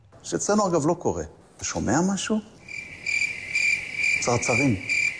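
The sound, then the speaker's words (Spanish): Crickets chirp in a steady, high, continuous trill that starts partway through and carries on to the end, while a man speaks briefly before it begins and again over it; the crickets were used by Israeli foreign minister Gideon Sar to mock the Spanish government's silence. “En este caso, atacaba a Pedro Sánchez con esos grillos que escuchaban en referencia al silencio del gobierno español tras lo ocurrido”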